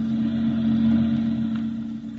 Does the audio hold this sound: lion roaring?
no